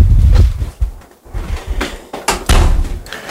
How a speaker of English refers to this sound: Ooh, that microphone kind of clipped when it when you shut your door. Yeah, that it does sound on occasion. Input overload.